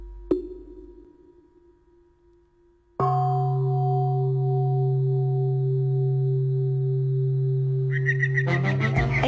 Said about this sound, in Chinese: 你听，这钟声像是从很远的地方传来的。 啊，那是青云寺的晨钟